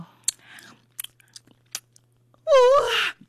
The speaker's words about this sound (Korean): 우와! 미쳤어. 꿀 섞은 과자 맛이야. 바삭하고 완전 달콤해.